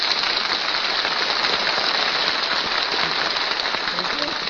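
A large audience claps continuously as Richard 'Red' Skelton is introduced, a dense, steady wash of applause that stays at the same strong level throughout the whole clip, with no voices standing out above it.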